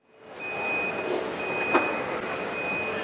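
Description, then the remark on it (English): Steady industrial machinery rumble inside a Chinese electric-vehicle factory as robots wheel car frames along the ground between stations, with a high electric whine running throughout and a single sharp clank about halfway through. No one speaks. “Robots wheel the car frames along the ground between different stations, where more robots piece the rest of the electric vehicle together.”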